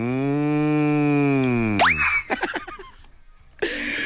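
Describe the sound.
A long, loud, droning cow moo that slowly sinks in pitch. It's followed by a quick rising squeaky sweep, then a few scattered, choppy sounds and a short burst of noise.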